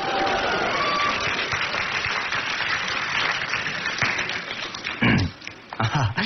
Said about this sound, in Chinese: 感谢朋友们热情的掌声。 你看这掌声多热情啊！